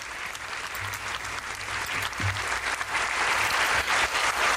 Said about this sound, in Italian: L'applauso al Papa, accompagnato dall'Arcivescovo di Parigi. Siamo nell'Aula Magna dell'Istituto Cattolico.